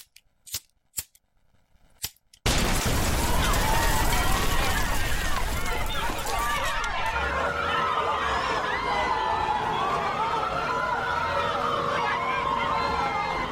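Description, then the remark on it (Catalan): A Saint John's (Sant Joan) bonfire being lit before a crowd: a few sharp clicks, then a sudden dense wall of crackling and loud crowd hubbub with voices and cheering that holds steady to the end. “Doncs veurem com encenem aquesta foguera.”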